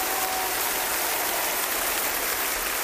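A large Japanese concert audience claps steadily, a dense crackling wash of applause that holds at an even, moderately loud level throughout, with no voices standing out.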